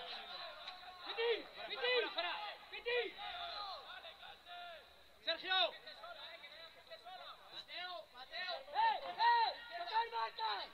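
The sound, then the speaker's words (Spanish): Shouted instructions from the team benches at the Antonio Sanfit stadium during a match: several raised voices calling out in short, overlapping bursts with brief lulls between, over a steady murmur of crowd chatter. “Las indicaciones, los gritos, la tensión que se palpa en el estadio Antonio Sanfit, que escuchamos desde los banquillos.”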